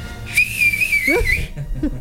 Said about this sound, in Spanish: Oye, qué gran chiflido, ¿eh? A ver, aviéntatelo.